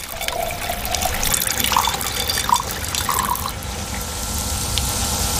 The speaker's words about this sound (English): 克里斯兰登教授把稀释的酸倒进装有贝壳的缸里，以此演示地球海洋的未来前景。